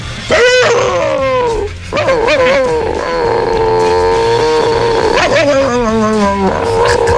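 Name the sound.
imitated chihuahua barking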